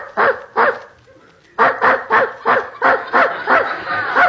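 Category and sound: animal, dog barking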